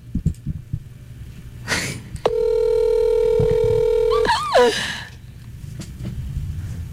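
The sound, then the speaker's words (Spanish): A single long, steady ringback tone sounds on a phone line for about two seconds, clear and fairly loud, followed by a short warbling blip and quiet low background noise. “Está sonando.”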